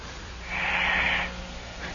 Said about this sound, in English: And listen to his snoring. Didn't I say it sounded like a little kid, like a child?